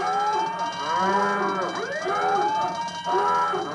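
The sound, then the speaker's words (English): A loud, blaring alarm sound effect with layered wailing tones that swoop up and down in pitch, sounding continuously for a few seconds with no voices. “The alarms are going off.”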